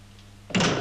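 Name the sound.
door closing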